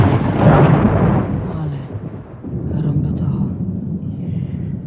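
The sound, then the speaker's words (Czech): A loud crack of thunder in a lightning storm swells and breaks, then settles into a long, deep rumble that keeps rolling through the rest of the moment. “No, není hromba strejda. Ne, švager. A jak se přižene od baby, tak řádí.”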